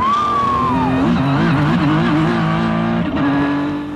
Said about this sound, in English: President Trump waved the green flag and then they were off. 25 drivers roaring through the Capitol's streets.